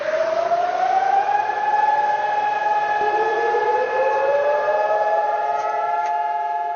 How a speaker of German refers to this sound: Einmal im Jahr ertönen in Israel landesweit die Sirenen.